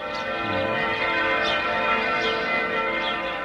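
A church bell rings continuously, its dense metallic overtones layered and sustained throughout, with a few clanging strikes landing at a steady pace. The sound is loud, with no voices.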